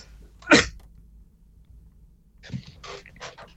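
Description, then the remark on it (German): A single loud, sharp cough bursts out, followed after a pause by a few softer, raspy coughing sounds, with no talking. “Entschuldigung, meine Stimme sagt gerade, ich muss schnell husten.”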